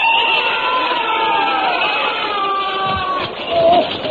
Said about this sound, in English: I was rather shaken by that terrible noise. What are they doing out there? Bayonet practice, of course.